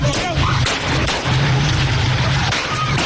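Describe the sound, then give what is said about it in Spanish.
A few sharp gunshots, fired by illegal armed groups at shop fronts in Magdalena and La Guajira, crack through a noisy, crowded scene, with a steady low hum and scattered background voices running underneath. “al menos la operación de los comercios que siguen sin abrir por cuenta de estas amenazas, los disparos que estaban haciendo los ilegales en contra de las fachadas.”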